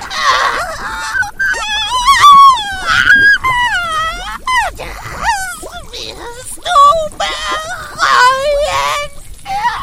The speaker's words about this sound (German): Erschrocken drehte sie sich jedoch um, als ein Schrei aus dem Inneren des Hauses ertönte.